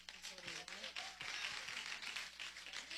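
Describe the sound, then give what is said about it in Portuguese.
A church audience claps for Jesus in a dense, continuous patter of many hands, steady and fairly loud, with a few voices calling out faintly underneath. “Palmas para Jesus.”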